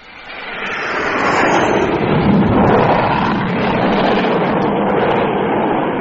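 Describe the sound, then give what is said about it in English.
A low-flying aircraft, number two approaching to land, roars overhead traveling fast, its broad rushing engine noise swelling within the first second and staying loud for several seconds, with no voices. “Number two was pretty low and traveling fast, too.”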